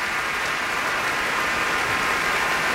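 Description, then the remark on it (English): Dense, sustained applause from a large audience after the finale of Dvořák's Cello Concerto, performed by cellist Misha Majsky with the Berlin Philharmonic led by Zubin Mehta. A steady hiss of many hands clapping at even loudness throughout, with no voices rising above it. “And the crowd roars.”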